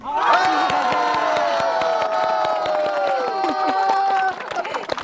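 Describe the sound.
A crowd at an event in Shizuishan cheers and shouts loudly and continuously in support of one team, many voices holding long high-pitched yells, with scattered claps cutting through before the roar breaks up near the end.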